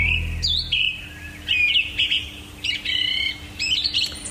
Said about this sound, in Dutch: op Camping Nettel, de wildste tuin van Nederland, horen we om 4:20 een zanglijster prachtig zingen in de berk naast ons